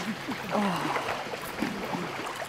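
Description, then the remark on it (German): Water sloshes and swirls steadily as someone wades through a shallow Kneipp pool in a forest, opposite a zoo, with faint voices murmuring underneath. “Vom Blätterdach im Wald geht's zum Kneippbecken.”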